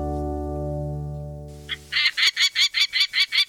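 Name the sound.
peregrine falcon calling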